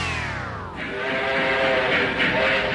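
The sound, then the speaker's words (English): A North Pole Express Christmas train sounds its whistle with a falling pitch, then rolls on with a steady, loud mechanical rumble and sustained tonal hum for a few seconds, no voices present. “Aboard for the magic of Christmas. North Pole Express tickets are on sale”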